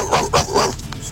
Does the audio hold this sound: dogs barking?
yes